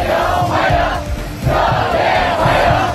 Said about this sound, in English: And cheering students have welcomed Donald Trump to Beijing, where he's due to have talks with China's president.